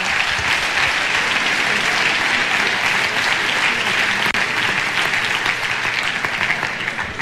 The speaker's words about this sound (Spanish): Un aplauso al Señor.